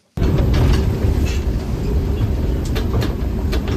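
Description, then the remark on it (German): A regional train on the Biberbahn line in the Sigmaringen district, Germany, rumbles steadily along the rails, loud, with a dense low roar and faint rhythmic clatter of wheels, continuous throughout with no voices. “da fährt, dank der Initiative eines Fördervereins, die Biberbahn wieder.”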